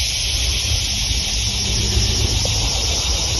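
A loud, unbroken high-pitched buzzing of insects in hot weather on an old plantation in Texas fills the whole stretch, steady with no pauses, over a faint low rumble; no one speaks.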